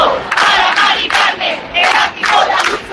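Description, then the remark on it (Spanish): About 10,000 protesters in Madrid, Spain, shake their keys in front of a penthouse bought by the Comunidad de Madrid government, protesting evictions: a dense metallic jangle mixed with crowd noise that swells and dips in rhythmic surges, loud throughout, with no clear individual voices. “10.000 personas, según la delegación del gobierno en Madrid, agitando sus llaves a modo de protesta frente a ese ático de la Comunidad de Madrid.”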